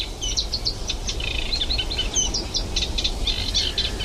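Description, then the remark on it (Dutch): A Eurasian reed warbler sings a steady run of chattering, repeated notes in the morning at the Kleine Gelderse Waard, over a low rumble of background noise. No one speaks. “waar het eigenlijk dag en nacht doorgaat met het geluid van de kleine karakiet, de hoofdrolspeler van deze ochtend.”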